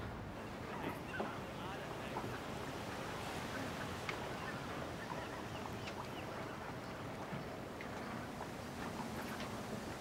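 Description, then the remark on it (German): Strong wind at sea roars steadily throughout, a dense, unbroken rush of air mixed with the wash of water, loud for the whole stretch without any pause. “Ein spitzen Wind.”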